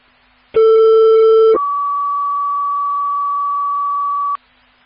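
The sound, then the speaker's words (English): A two-tone fire dispatch page for Township Station 3, called to a vehicle fire (a black Cadillac) at 6815 40th Avenue: a loud, buzzy lower tone held for about a second, then a pure higher tone sustained for nearly three seconds before cutting off, with no talking. “Dispatch from 873, can you add Station 3 to that assignment, please, and hit the our paid tones?”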